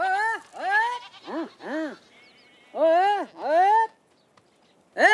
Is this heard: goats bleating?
yes